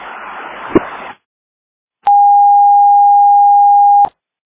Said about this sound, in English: Airport all call alarm.